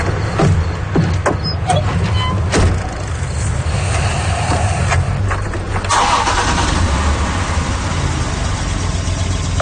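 A car engine, low on fuel, cranks with a few sharp clicks and catches, settling into a loud, steady rumbling idle, with a brief shift in tone partway through; the car is started to run the heater.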